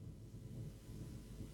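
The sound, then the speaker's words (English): A steady, heavy drumming of rain on a studio roof, heard from inside the studio as a dense low rumble that holds at an even level throughout, with no voices. “Well, boy, it's raining heavily down here. I'm in a studio and it's just thundering on the roof.”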